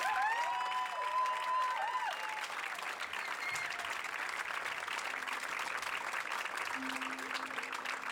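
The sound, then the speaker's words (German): A concert audience applauds the performer's string section and backing vocalists, a dense wash of clapping that holds at a constant level throughout, with a few high tonal whistles or cheers rising above it near the start. “Und zwar bitte für meine Streicher-Section einen großen Applaus und meine Backing-Vocals.”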